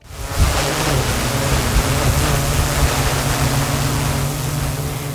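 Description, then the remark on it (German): A drone flies with a steady, loud whirring rush, its low motor hum holding one pitch under a broad hiss of air, constant throughout, with no voices. It is the Gladbeck fire department's new autonomous drone, activated automatically on an alarm and flying from the fire station to the scene. “Das hier ist die neue Wunderwaffe der Feuerwehr in Gladbeck. Eine autonome Drohne, die bei einem Alarm automatisch aktiviert wird.”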